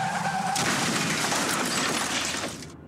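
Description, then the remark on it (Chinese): A short squeal of skidding car tires gives way to a loud crash of smashing glass and crunching metal, a life-threatening car crash in a TAC drink-driving road safety announcement, roaring for about two seconds before cutting off abruptly. “继续直行，可能就是一场危及生命的车祸。”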